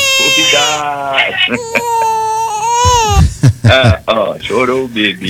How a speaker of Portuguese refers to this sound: Chorou o bebê.